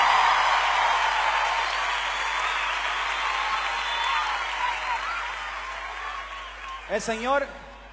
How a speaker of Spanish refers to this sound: Pues el aplauso para Cristo que se escuche.